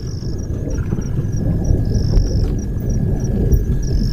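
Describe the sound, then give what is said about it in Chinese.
A deep, continuous rumble of distant thunder from an approaching storm rolls beneath gusting wind, with faint insect-like chirps pulsing high above throughout. “随着他的归来，天际已经酝酿着暴风雨的气息。”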